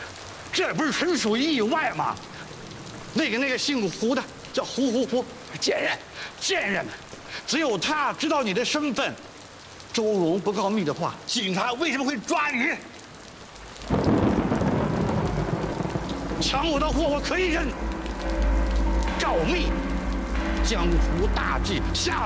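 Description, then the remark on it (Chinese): Voices talk for a while, then heavy rain falling outside suddenly fills the scene, a steady hiss of downpour with a deep low rumble beneath it and occasional voices over it. “大叔，这有老人，外面下雨了，我们就上去走走雨。”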